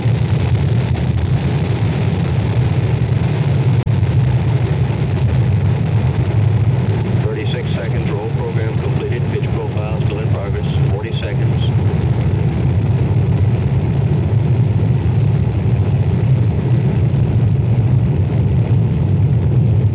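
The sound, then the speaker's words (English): The five rocket engines of the Apollo 16 launch vehicle thrust as it clears the tower, with a loud, unbroken low rumbling roar that holds steady throughout, while a faint, muffled voice briefly comes through partway in. “Oh, we have good thrust in all five.”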